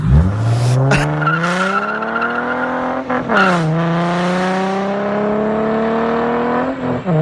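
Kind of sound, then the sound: vehicle, race car passing by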